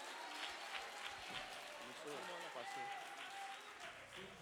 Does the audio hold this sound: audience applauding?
yes